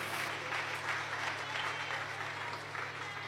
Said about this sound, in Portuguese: Quem recebe esta palavra, pode aplaudir ao Senhor bem forte, bem alegre e bem feliz.